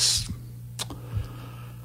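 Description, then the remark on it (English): A few sharp, isolated computer keyboard clicks tap out, irregularly spaced, over a steady low electrical hum and a brief hiss at the start; no one speaks. “I hear you typing.”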